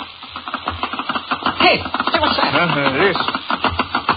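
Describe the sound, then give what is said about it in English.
Many small hoofs clatter past in a quick, dense run of sharp taps that keeps up for about four seconds, with a brief voiced sound rising over them midway. “It sounds like little hoofs.”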